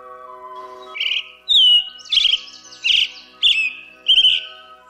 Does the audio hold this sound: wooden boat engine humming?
no